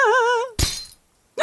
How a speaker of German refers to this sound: Hau doch noch mal mit der Spitzhacke drauf. Aber gerne.